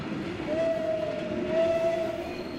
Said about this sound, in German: Der Sonderfahrt hält das Kuckucksbähnel nicht wie sonst an jedem Bahnhof. Durch Erfenstein fährt es einfach durch.